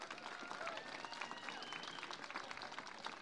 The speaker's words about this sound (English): But I really want to thank, because I like our veterans. Let's give our veterans a big round of applause.